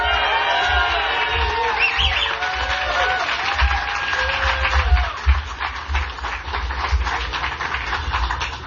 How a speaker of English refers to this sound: Now, please give a round of applause for Southie's own indispensable man